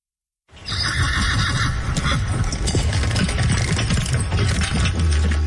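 A horse neighs and whinnies loudly, its shrill call rising near the start over a steady clatter of hooves and jingling tack that carries on to the end.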